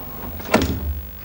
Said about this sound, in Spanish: Ella abre la puerta en camisón.